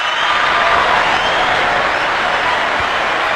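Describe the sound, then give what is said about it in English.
A steady burst of applause, many hands clapping in a dense, continuous patter at an even loudness for a few seconds, with no voices over it. “Ooh, I got to give you some hand claps on that one.”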